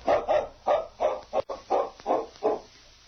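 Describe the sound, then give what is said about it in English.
A tracking dog named King barks repeatedly while following a scent taken from a piece of cloth, in a steady, rapid rhythm of about eight loud, mid-pitched woofs over three seconds, with no voices present. “King can follow their scent without tracks.”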